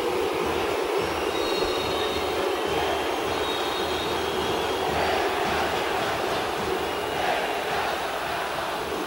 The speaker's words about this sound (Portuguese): E o torcedor vai agora porque vai terminar o primeiro tempo e o resultado é muito negativo. Pede a bola o árbitro, vai terminar. Som da arena aí, torcedora. Olha a vaia.